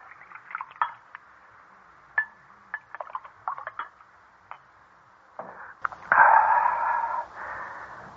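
A few light clinks and taps of glassware, then wine glugs and splashes into a glass for about two seconds, fairly clear, with no one talking.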